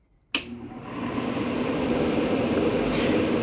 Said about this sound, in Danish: Fordi, ja, det er altså lyden af en airconditioning, eller på dansk klimaregulering.